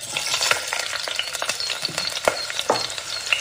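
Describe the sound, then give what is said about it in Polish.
Cucumbers sizzle and crackle in a hot wok, with steady frying hiss and occasional scraping clatters of stirring, fairly loud, no voices. “Krótko podsmażone w woku z czosnkiem, imbirem i sosem sojowym zachowują chrupkość, ale zyskują zupełnie nowy smak.”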